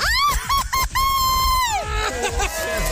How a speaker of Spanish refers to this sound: vamos a darme tu grito bien mexicano. ¡Una, dos, tres!